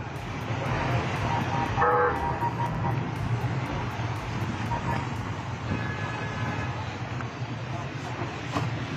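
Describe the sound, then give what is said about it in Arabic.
The motorcade of Syria's Minister of Local Administration and Environment, Mohammad Anjrani, passes during his tour in Daraa, engines rumbling steadily while several horns honk in short bursts, over a busy street background with voices. “وهذه مشاهد الموكب الذي أثار الجدل، إذ رصد مواطنون سيارات وزير الإدارة المحلية والبيئة محمد عنجراني خلال جولته في درعا.”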